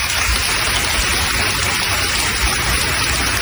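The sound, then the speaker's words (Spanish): Sustained applause from a large crowd at the funeral of two Guardia Civil officers killed on duty, a dense, steady wash of clapping that holds at an even, loud level throughout with no voices rising above it. “Es el aplauso y el homenaje que se ha escuchado hoy en ese funeral.”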